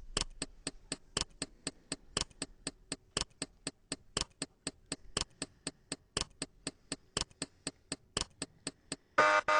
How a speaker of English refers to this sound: Oh, okay. We're going to have to start the timer here. So you got 10 seconds starting now.